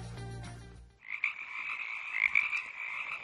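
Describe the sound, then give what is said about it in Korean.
Frogs croak in a steady, buzzing chorus of rapid trills at a fairly high pitch, continuous and moderately loud, following a brief burst of other low, droning sound at the start. “왕눈이 생각이 나는 소리, 얘가 첫 번째였고요.”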